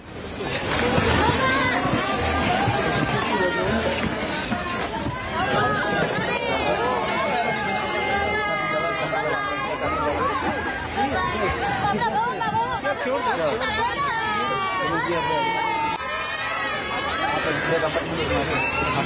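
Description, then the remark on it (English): A large crowd of the Indian diaspora shouts and chants for the Prime Minister as he comes out of a temple, a loud, continuous roar of overlapping voices, with rising cheers and calls sustained throughout. “You can hear the chants as well for the Prime Minister at this point”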